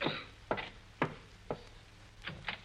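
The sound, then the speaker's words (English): Knocking at a door: three evenly spaced, sharp raps, a short pause, then a quicker run of three more knocks. The knocks are moderately loud and heard alone, with no voices. “You answer the door.”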